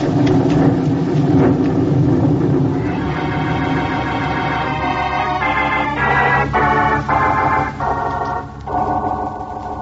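A thunderstorm with steady heavy rain, a deep rumble of thunder rolling underneath and a dense hiss of rainfall filling the whole scene, loud, with no voices.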